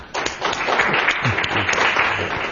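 Steady audience applause welcoming the speakers, a dense, even wash of many hands clapping that holds at a fairly loud level throughout, with a few faint low voice murmurs underneath.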